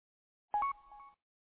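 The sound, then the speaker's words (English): A short electronic two-tone roger beep from a radio at the end of a push-to-talk transmission, about half a second long, rising from one steady pitch to a higher one, then a sustained beep that cuts off cleanly, heard alone in silence. “One thing I'm noticing, I never picked up on it before, it's happening on your end and also mine, is there's a Roger beep.”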